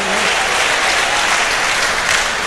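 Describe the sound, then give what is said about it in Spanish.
Steady, dense applause from a large group fills the whole stretch, loud and continuous with no voices standing out, given in praise of God as Jehovah Rafa, the healer, during a sermon. “Alguien aquí ha experimentado al Jehová Rafa, al que hace maravilla, al que hace prodigios, y ese aplauso, dile: Señor, te conozco como Jehová Rafa, bendito sea su nombre.”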